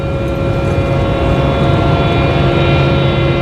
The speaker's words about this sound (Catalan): Què és ixe so constant que s'escolta de fons en tota la gravació? Eixe so que escoltem de fons és el de la sala de compressors on tota l'electricitat necessària per a tan monumental tasca es tradueix en un so constant, profund i homogeni.